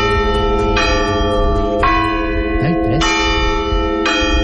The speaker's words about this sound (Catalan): ha tingut la delicadesa d'enviar-nos un àudio perquè sapiguem d'una vegada per totes com sona el tocamorts de les campanes. Vinga. Mira, és així.